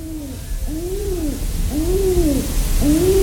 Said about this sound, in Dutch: Ik volgde alles wat ze deden. Bijvoorbeeld toen vaderduif de twee jonkies vanaf de balkonreling aanmoedigde om te vliegen.